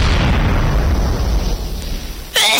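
A loud, booming explosion sound effect in a radio advertisement for low prices, whose deep rumble slowly fades over about two seconds, then a sharp, bright burst cuts in at the very end. No one speaks.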